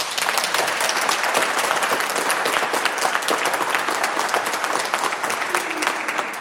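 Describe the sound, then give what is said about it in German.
A crowd applauds steadily at the Seniorenzentrum am Rüschebach in Unna, a dense, sustained patter of many hands clapping at an even loudness throughout, with no voices standing out. “Ja, das sind doch schon mal gute Hände, die man da hört.”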